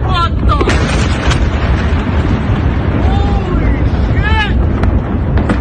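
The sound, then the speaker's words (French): A huge explosion in a city roars as a continuous, heavy low rumble, broken by a few sharp cracks, with faint warbling tones rising and falling midway through. “Dernier exemple en date avec cette vidéo montrant une vaste explosion en pleine ville.”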